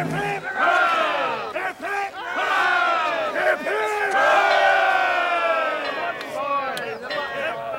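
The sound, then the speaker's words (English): A crowd of voices roars three hearty cheers for a boy, each a long, loud, sustained shout of hooray, with brief dips between the bursts as the group draws breath. “Three cheers for the button boy.”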